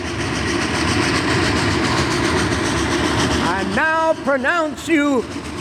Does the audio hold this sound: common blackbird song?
no